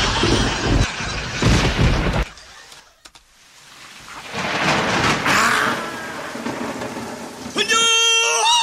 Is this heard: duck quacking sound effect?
no